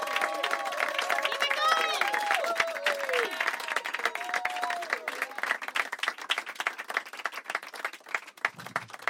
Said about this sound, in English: Keep it clapping until he gets here.